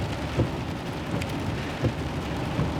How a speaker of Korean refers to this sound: 하지만 모든 일은 반복되면 익숙해지는 법이었고, 폭우 역시 예외는 아니어서 반 시간 정도 강우가 계속되자 빗소리는 이제 화이트 노이즈처럼 들렸다.